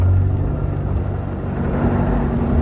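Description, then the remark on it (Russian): A large Cadillac's engine labors slowly up a high hill with a deep, steady rumble and low droning hum, holding a heavy, continuous tone throughout with no voices present. “Какая-то машина тяжело пыхтя брала подъем высокого холма.”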